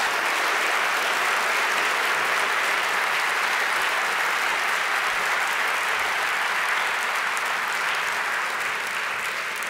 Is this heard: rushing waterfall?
no